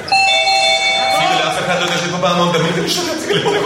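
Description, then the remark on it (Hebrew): A doorbell rings once with a bright, sustained chime that slowly fades, while people talk and murmur through the rest of the moment. “לאף אחד לא נשאר פה פעמון, תמיד זה משגע.”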